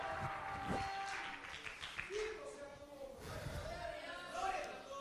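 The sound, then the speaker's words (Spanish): An audience claps steadily in a dense, continuous burst of applause given as an offering of praise to God, with voices calling out and shouting over it throughout. “Dele ofrenda de palmas al que vive, pues.”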